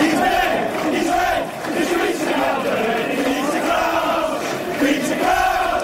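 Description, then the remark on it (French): A large crowd of English football fans chants together in the stands, teasing their own former Reds striker Peter Crouch, a steady roar of massed voices rising and falling in a sing-song melody that stays loud throughout. “Et parfois, vos propres supporters vous taquinent.”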